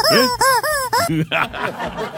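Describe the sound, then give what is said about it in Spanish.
A rubber chicken toy, sounded by pulling its neck, lets out four loud, rasping honks in quick succession, each bending up then down in pitch, followed by a person talking. “Claro, pero era cuestión de tirarle el cogote a la gallina y la gallina sonaba.”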